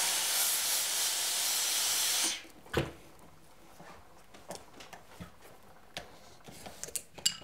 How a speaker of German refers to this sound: Letzte Unebenheiten und Dellen werden mit Dampf herausgebügelt.